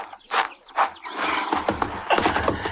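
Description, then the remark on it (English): A lame horse shuffles and stamps its hooves, with a couple of breathy snorts at first and then a busier stretch of hoof noise and a short whinny. “My horse is lame, but I'll get you home on him.”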